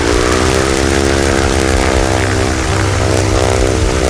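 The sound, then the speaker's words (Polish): A loud, steady propeller drone from a zero-emission electric airplane, a buzzing whir with a strong harmonic hum that holds constant throughout, with no voices; with no combustion engine, only the propeller is heard. “Wszystkie te silniki tradycyjne, tłokowe, spalinowe jednak generują trochę dźwięku, a tak jak słyszeliśmy przed chwilą, jednak samolot elektryczny jest dużo cichszy, zostaje tylko śmigło”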